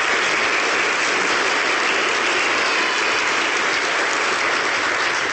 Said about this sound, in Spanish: Un aplauso muy sincero a los jóvenes porque hicieron entrevistas muy buenas.